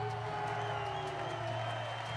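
A steady crowd roar at a soapbox race in Mumbai, dense and continuous with scattered cheers and whoops rising over a low hum, no clear individual voices, lasting the whole brief stretch.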